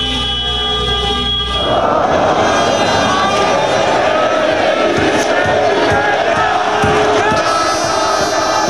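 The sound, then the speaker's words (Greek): A loud crowd of Olympiacos fans in the Piraeus Municipal Theatre, Greece, shouts and cheers in a dense, continuous roar of many voices, celebrating the team's European title. A brief sustained horn-like blare comes just before the roar. “Στο Δημοτικό Θέατρο Πειραιά ο κόσμος δεν σταματά να φωνάζει.”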